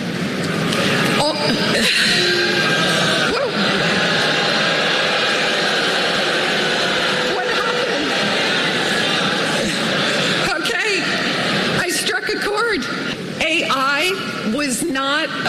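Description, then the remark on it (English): A large crowd of graduating students boos loudly and steadily, a dense roar that never lets up, with a few sharp claps from one person breaking through near the start. “If you hear the very beginning before the booze, there's always one”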